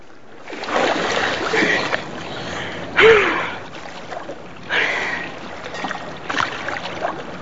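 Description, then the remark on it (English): Bursts of watery splashing and sloshing come in uneven waves as a woman swims breaststroke in the glistening sea, sinking underwater and surfacing, with a brief gasp-like breath in the middle and quieter lapping between strokes. “In the glistening sea, … breaststrokes before sticking her legs straight up and sinking underwater. Now she surfaces.”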